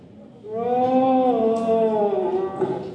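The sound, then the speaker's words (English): A child's voice imitates a deer's roar: one long, loud, drawn-out call that holds steady for a few seconds and sways slightly in pitch before trailing off. “The next generation of hunters there, doing their best deer impressions.”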